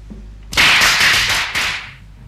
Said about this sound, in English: Firecrackers? They're banned in Hong Kong.